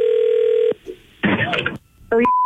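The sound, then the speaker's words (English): A prank telephone call to a beauty school being placed: a steady line tone, a brief blip, a burst of noisy connection sound, then electronic ringing tones, all clear with no voices. “It's our phone prank. The phone”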